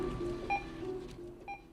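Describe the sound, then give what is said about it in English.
Two short, bright electronic beeps from a barcode scanner, about a second apart, cut through a steady low hum and faint background bustle. “The BBB of the barcode scanner counting the day away.”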